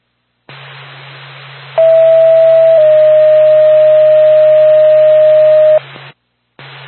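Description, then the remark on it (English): A radio dispatch alert tone for Lancaster Ambulance: a loud, steady mid-pitched beep that steps to a slightly lower pitch after about a second and holds for three more, over static-filled radio hiss with a low hum. “Back to Lancaster Ambulance, standby for tone.”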